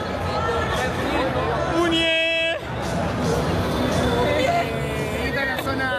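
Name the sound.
crowd shouting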